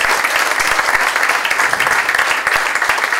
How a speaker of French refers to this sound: J'aimerais qu'on applaudisse le Seigneur bien fort, puisqu'il est l'invité d'honneur au milieu de nous ce soir.